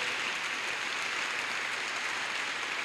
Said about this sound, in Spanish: Amén, denle un aplauso a la promesa de Dios.